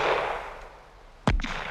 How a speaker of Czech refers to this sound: To byly rány z pušky.